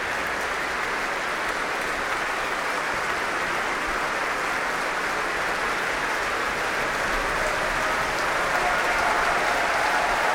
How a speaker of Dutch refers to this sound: Applaus van hem voor het Concertgebouworkest. Hij laat het orkest weer opstaan om dit zeer enthousiaste applaus in ontvangst te nemen.